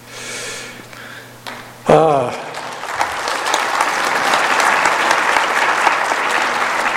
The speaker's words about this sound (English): I'm sure Sister Hinckley would appreciate your applause on that.